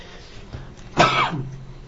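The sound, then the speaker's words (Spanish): A single loud cough bursts out after a brief soft throat-clearing rasp, followed by a short trailing grunt, with no talking; the person coughing has a sore throat. “Disculpe, hermanos, que ando un poco mal de la garganta y la tos”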